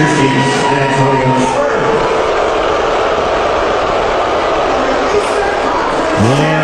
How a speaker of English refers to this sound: Trump got a cool reception from Knicks fans. During the anthem, they showed his face. They booed. Few cheered, but mainly booed.